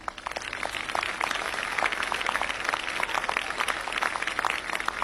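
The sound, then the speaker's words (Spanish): A crowd claps steadily for Belgrano, creator of the flag, for about five seconds, a dense, even patter of many hands at a constant loudness, with no voices rising above it. “Así que yo quiero un aplauso para Belgrano, que nos dio...”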